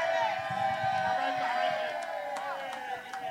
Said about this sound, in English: And to this fantastic crowd that is in Malcolm X Park, make some noise so they can hear you on the radio, y'all. Yeah!